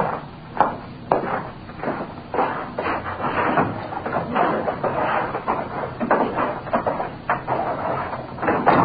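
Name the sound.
door being closed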